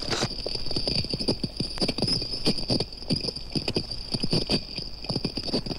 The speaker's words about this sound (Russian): Коралловые рыбы, обламывая и пережевывая кусочки кораллов, производят своеобразный чиркающий звук.